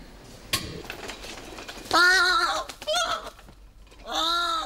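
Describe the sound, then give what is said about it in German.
A bird being taken back to the zoo gives three loud, harsh, wavering calls inside an elevator, each rich in harmonics and lasting about half a second, with a sharp clink and faint rattling noises before them. “Klingt so, als hätte da jemand noch keine Lust, wieder in den Zoo zurückgebracht zu werden.”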